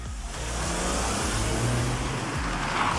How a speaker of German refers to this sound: Bei uns hatten sich auch Anwohner gemeldet, dass sich immer wieder Raser dort treffen und mit ihren lauten Autos zum Beispiel illegale Rennen veranstalten.